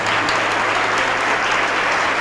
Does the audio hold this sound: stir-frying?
no